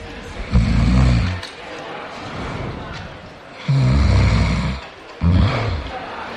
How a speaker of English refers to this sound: Or maybe it's worse, and it's this. Particularly noisy snoring there.